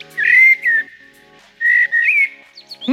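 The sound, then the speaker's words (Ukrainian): A common blackbird sings two clear, fluting, warbling phrases separated by a short pause, with a faint low hum underneath and no talking. “Ні, це не соловей. Ти що, не впізнав чорного дрозда?”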